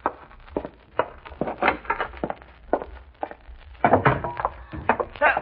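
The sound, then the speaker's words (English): Hollow footsteps thud across wooden boards, then a louder cluster of cracking and crunching as a foot breaks through a wooden step, followed by a few more knocks. “Step! I put my foot through.”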